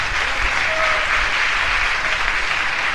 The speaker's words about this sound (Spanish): Y vamos a dar un aplauso para Jesucristo de Nazaret.